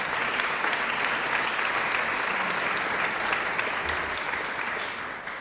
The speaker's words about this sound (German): Einen großen Applaus für Chais Lennars, mit dem ich jetzt darüber sprechen darf.